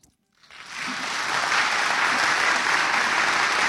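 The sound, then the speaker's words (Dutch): A concert audience breaks into applause after a brief silence as the soloists walk on, on radio broadcast by NPO Klassiek. The clapping swells quickly into a loud, steady, dense wash of many hands that holds without letting up. “Dat is mooi als u daarbij applaudisseert, want alles hoor je op de radio op NPO Klassiek.”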